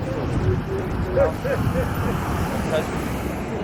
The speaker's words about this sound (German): Es herrscht Feierabendverkehr. Unzählige Autos und Minibusse sind auf den Straßen. Und trotzdem geht es gemächlich zu.